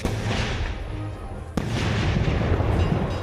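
A fireworks display fired by an electronic ignition system goes off over a festival ground before hundreds of people, in a dense, rumbling barrage, with a sharp crack cutting through partway and continuous booming and crackling filling the background throughout.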